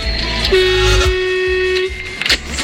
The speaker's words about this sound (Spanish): Qué grande la bocina del camionero, la bocina de mi amigo el Gaby Capo Total.